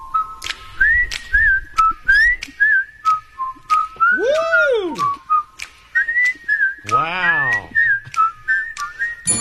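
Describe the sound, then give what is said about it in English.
A person whistles a theme tune, a bright, bouncy melody with short clipped notes and a couple of sweeping slides up and down partway through, steady and fairly loud throughout. “just how good of a whistler are you? Can you do Andy Griffith? I've whistled that countless times.”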